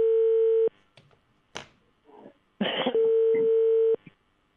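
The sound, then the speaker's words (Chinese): Telephone dialing tones as a reporter calls the general manager's office of China Construction Second Engineering Bureau: a long, steady electronic beep, a pause filled with faint clicks and brief noisy bursts, then a second sustained beep, clear on the line. “好，接下来的时间我们的记者马上拨打中建二局总经理办公室的电话，我们看看会不会有人接听，请稍等。”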